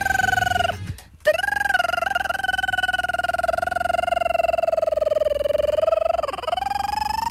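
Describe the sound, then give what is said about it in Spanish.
A steady, buzzing telephone ring heard through a handset line as another phone is dialed and rings on the other end, holding one pitch almost continuously for several seconds after a brief break near the start, with no talking. “Es que tú marcabas al otro teléfono y luego”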